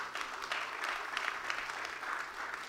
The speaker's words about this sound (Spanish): Denle el aplauso a Jesucristo.